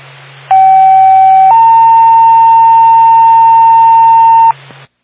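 A two-tone ambulance dispatch pager alert paging Twin Mountain Ambulance for a second-tone call in Carroll: a steady tone for about a second, then a slightly higher tone held for about three seconds, loud and clean over a faint radio hum.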